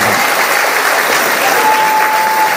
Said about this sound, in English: And there was warm applause and much gratitude for his contribution on Sunday night at the banquet